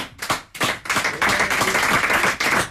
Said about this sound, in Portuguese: Temos a guitarra portuguesa ao João Vaz, para que eu peço mais uma salva de palmas, nunca é demais.